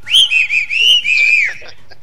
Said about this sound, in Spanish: Ya le mandamos el chiflido igual.